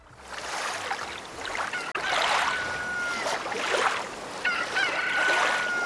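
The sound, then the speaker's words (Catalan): A rooster crows twice, its drawn-out calls fairly faint, over a steady rush of waves or wind that fills the whole scene. A neighbour's rooster on the beach at Serenal, a quiet fishing village, in 1905, crowing at 5 in the morning. “Un gall a la platja. No, és el gall desveïnat.”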